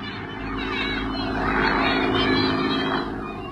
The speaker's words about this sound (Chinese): 大家愤怒地瞧着日本人的飞机飞远了